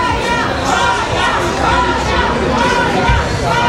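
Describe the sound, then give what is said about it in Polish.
A crowd of fans waiting for her arrival fills an airport arrivals hall with dense, overlapping chatter: many voices talking at once in a steady, loud babble, with no single speaker standing out. “W hali przylotów czekał na nią tłum fanów.”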